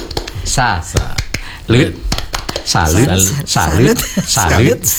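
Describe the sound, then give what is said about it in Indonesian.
The Indonesian Scout (Pramuka) 'tepuk salut' clap, a Jember-style variant, performed in a set pattern: sharp hand claps come in quick clusters and single beats, alternating with a voice chanting or singing along between them. “Untuk itu saya kasih tepuk salut. Ini tepuk salut sebeda loh.”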